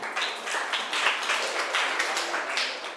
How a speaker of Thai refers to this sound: ค่ะขอบคุณมากค่ะปรบมือให้เพื่อนหน่อยค่ะ